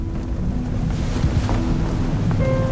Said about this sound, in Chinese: 天空突然响起一声石破惊天的沉雷，接着斗力大的雨点噼里啪啦猛地砸了下来。